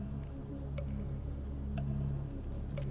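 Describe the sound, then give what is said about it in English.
A countdown clock ticks steadily, about once per second, its sharp clicks sitting over a sustained, low humming musical drone. No one speaks. “You stop the clock now.”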